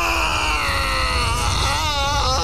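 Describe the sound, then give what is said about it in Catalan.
A sustained, strained vocal roar of rage, loud, with harsh harmonic tones wavering and rising toward the end over a rumbling low layer: a devil's cry of rage on waking up. “El crit de ràbia que va fer el dimoni en desvetllar-se va fer trontollar totes les parets de la casa.”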